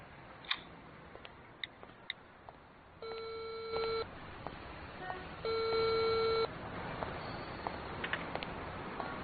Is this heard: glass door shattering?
no